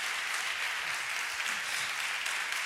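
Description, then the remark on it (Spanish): Steady, dense applause from a large crowd after hearing the singers' music fills the whole stretch, a continuous wash of clapping without pauses or voices standing out. “Que se os iban a desbocar los aplausos cuando escucharais ….”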